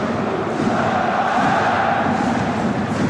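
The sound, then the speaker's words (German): A large stadium crowd of Kaiserslautern football fans at the Betzenberg applauding as a player gets back up to carry on: a dense, steady wash of clapping blended with a low roar of cheering that holds at an even, loud level throughout. “Und das bedeutet, er macht weiter und begleitet wird das Ganze mit viel Applaus der Lauterer Fans.”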